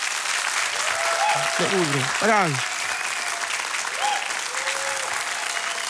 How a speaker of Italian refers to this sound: Quindi facciamo la prova applauso in modo che tutta Italia e tutto il mondo senta di quale applauso siete capaci voi che siete qui in sala. Pronti? Attenzione. Uno, due, vai!